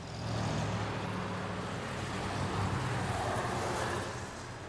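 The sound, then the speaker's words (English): A motorcycle ridden through town rumbles steadily with a low droning tone as it drives by, swelling slightly as it passes and then easing off at the end, with no voices. “that was your daddy that just drove by.”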